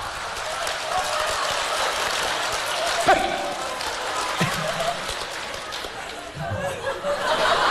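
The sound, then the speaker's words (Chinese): Steady, dense clapping from a crowd runs the whole length, a bright crackling wash with no pauses, and a few louder claps and murmured voices are mixed in. “哎，掌声热烈，给个来个大伙来个小绝活啥的。”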